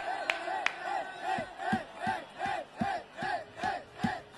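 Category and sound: crowd, crowd cheering and applauding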